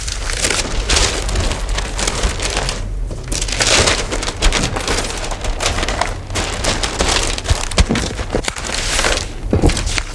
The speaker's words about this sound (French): Non, en fait, c'est toutes les mêmes paires de ciseaux. Ah, c'est pour faire style. Il y en a juste qui sont avec des crans pour faire une découpe crantée, mais sinon, c'est des ciseaux tissu classique. Donc, en fait, quand je coupe...